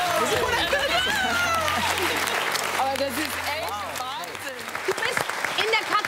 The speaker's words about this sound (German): Das ist euer Applaus!